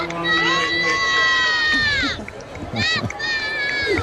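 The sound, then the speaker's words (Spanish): A large crowd chants and cheers loudly as the Pope arrives in the popemobile, in sustained, rising voices that swell together in long phrases, with a brief dip before the chanting picks up again; the sound is dense. “No sé si escucháis los sí. cánticos de escuchamos. La gente. Súper emocionada porque estaban esperando este momento.”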